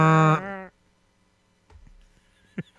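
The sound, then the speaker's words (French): A single loud, low, blaring blast from a ship's foghorn, an air horn, lasting under a second, rich and buzzy, cutting off abruptly, followed by near quiet with faint rustling and one short knock. “Sa corne de brume... du navire.”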